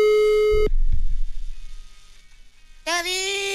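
A steady, buzzy electronic phone tone sounds for about half a second and cuts off as a phone call is dialed, followed by low muffled rumbling, then a second harsh tone starts loudly near the end.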